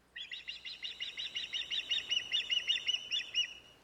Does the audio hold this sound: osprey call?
yes